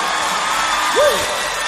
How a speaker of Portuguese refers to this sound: Se você acredita nesse amor, pode ser mais forte essas palmas aí.